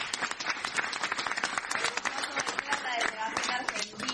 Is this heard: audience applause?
yes